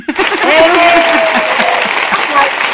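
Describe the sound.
Steady applause from a group for the announced winner, a dense wash of clapping that stays loud throughout, with voices cheering and calling out over it.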